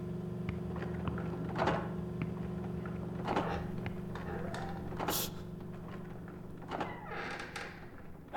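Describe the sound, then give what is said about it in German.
Wooden floorboards in an old house creak several times at irregular intervals, short strained groans and squeaks over a steady low hum, with no one speaking. “Und pass auf, die Dielen knarzen so.”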